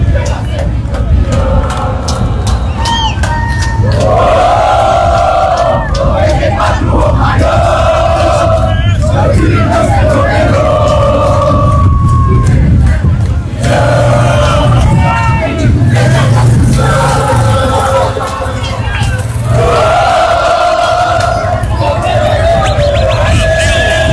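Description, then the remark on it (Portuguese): A large crowd of Brazilian football fans in Houston chants and sings together in a loud, rhythmic melody before a knockout-stage Cup match, repeating phrases in waves, with a steady drumbeat and dense crowd noise underneath throughout. “E agora vamos ficar com essa música no fundo aí, para a gente sentir o clima da torcida brasileira aqui em Houston.”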